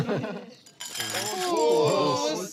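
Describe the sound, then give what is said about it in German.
Glasses clink together in a toast, leaving a bright ringing tone that lingers for a couple of seconds, with voices talking and murmuring around it. “Prost.”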